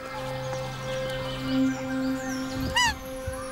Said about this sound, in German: Ein Dammwildkalb ruft nach seiner Mutter. Lass uns mal nachschauen. Ich hatte hier den Fiepen gehört, wie von einem jungen Dammwildkalb.